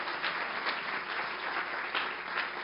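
An audience applauds together, giving applause to Jesus for the life of a pastor: a dense, steady wash of many hands clapping that holds at an even, moderate loudness for the whole stretch, with no voices heard over it.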